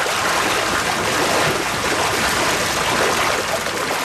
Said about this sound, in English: As he prepares the evening feed, fish begin splashing through the raceways.